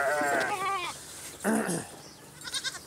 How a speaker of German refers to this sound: Die Ziegen immer da, wo der Futtereimer ist. Aber sie sind heute nicht dran.